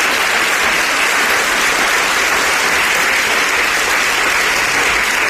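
Steady, dense applause from a sizable audience at a Radio Sevilla programme, given for the Radio Sevilla colleagues, fills the whole stretch, loud and continuous with no pauses and no voices rising above the clapping.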